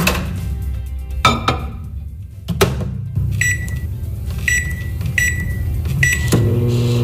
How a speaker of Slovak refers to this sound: Už asi viete, o čom rozprávame, nebudeme čakať na to, kým sa to prihreje alebo uvarí. Áno, je to mikrovlnka.